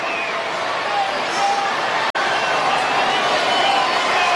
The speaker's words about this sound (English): A lively and raucous crowd here in Anaheim tonight.